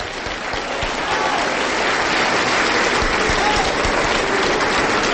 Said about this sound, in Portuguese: Vamos aplaudir mais, igreja. Vamos aplaudir mais.